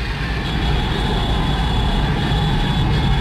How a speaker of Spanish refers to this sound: Impresionante. Las calles de Londres, ¿no? Así ruge ese sector. Uno de los bares, uno de los pubs de Londres, uno de los bares de Londres, con todos los carros que van pasando alrededor, claro, hinchas del Arsenal que van pitando.